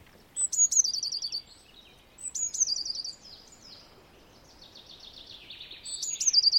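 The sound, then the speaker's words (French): A blue tit sings outdoors in repeated bright, high trilling phrases, three clear bursts a couple of seconds apart with softer twittering between, against a quiet background. “La mésange bleue, on va l'entendre un petit peu partout.”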